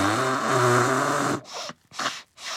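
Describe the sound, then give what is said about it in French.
Toudou, a cuddly toy character who is crying, blows his nose: a long, buzzy, honking nose blow followed by a few shorter, breathy snorting blasts with brief pauses between them. No one speaks. “Il ne peut plus s'arrêter de se moucher.”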